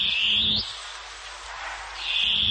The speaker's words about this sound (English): The long-tailed cuckoo.